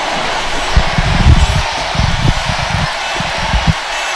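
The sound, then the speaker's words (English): A large crowd at an event roars and cheers in a loud, continuous wall of noise for a few seconds after the MC asks them to make more noise, with deeper rumbling bursts rising and falling beneath the steady din. “Can ye make more noise?”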